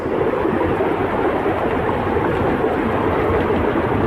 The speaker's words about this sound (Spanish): Con esta furia ha caído el agua en el Bierzo.